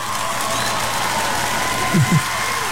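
An audience on Radio Disney claps steadily throughout for a guest, a dense, even wash of applause, with two short rising whoops breaking through near the end.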